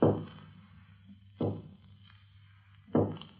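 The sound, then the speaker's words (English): Three heavy, hollow knocks on a door, spaced evenly about a second and a half apart, each thud ringing briefly before fading into a low steady hum. No one speaks. “Someone's knocking.”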